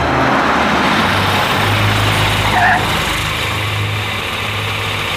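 A car engine idles steadily outside, a continuous low rumble with a faint whine above it, holding even for about five seconds with no one speaking.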